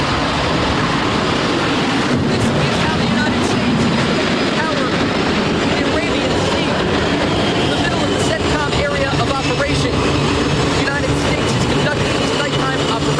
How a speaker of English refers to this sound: It's the middle of the night aboard the USS George Washington as the noisy flight deck is preparing to launch fighter jets into the dark abyss. The explosion of energy shakes the floating ground as an F/A-18 Super Hornet soars into the sky.